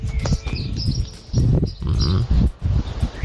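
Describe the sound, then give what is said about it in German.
Outdoor morning ambience in Göhren, a village on the island of Rügen: birds chirp and twitter high above irregular bursts of low, breathy rumbling and rustling, with faint animal sounds mixed in and no voices. “Die morgendliche Stimmung auf Göhren.”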